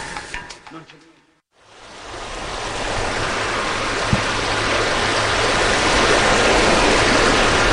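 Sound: swift-flowing river water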